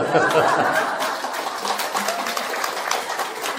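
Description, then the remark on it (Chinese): An audience claps steadily for a few seconds at the speaker's prompt, clapping to rouse themselves from drowsiness; a dense, even patter of many hands with a hint of light chuckling mixed in. “啊，这个鼓掌啊，就大家，哎呀，这个空气不好啊，又昏沉，哎呀，实在想睡觉又不好意思啊，所以鼓掌又。”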